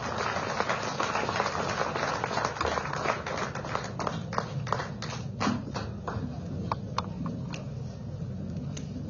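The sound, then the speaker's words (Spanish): A crowd claps for former Bolivian president Evo Morales Ayma at the anniversary of the municipality of Villa Tunari, Cochabamba tropics, Bolivia, in a dense, steady wash of applause that gradually thins out into scattered individual claps toward the end, with some background murmur underneath. “Lo aplaudimos con fuerza, por favor, a nuestro hermano Evo Morales Ayma. ¡Fuerte las palmas!”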